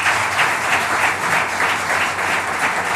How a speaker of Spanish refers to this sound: Con esos aplausos para el capitán del Cádiz, por todas las personas que decíamos que estaban allí congregadas